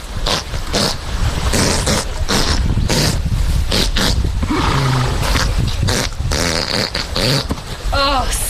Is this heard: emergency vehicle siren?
no